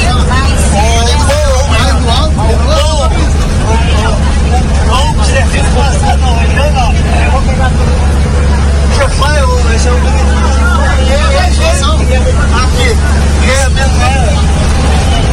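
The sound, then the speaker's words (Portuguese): Steady low engine rumble fills a moving city bus, with a city councillor on board talking with passengers amid overlapping chatter and murmured voices throughout, the drone never letting up. “Oito e 29, então tá aí o vereador dentro do ônibus, conversando com as pessoas.”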